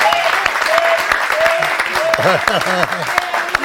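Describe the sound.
Steady, dense applause from a crowd, a continuous patter of many hands clapping, with voices cheering and calling out over it throughout.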